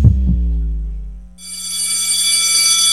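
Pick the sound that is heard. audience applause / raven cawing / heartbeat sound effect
heartbeat sound effect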